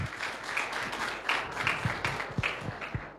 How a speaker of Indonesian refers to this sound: Boleh kita kasih tepuk tangan yang meriah untuk kita semuanya?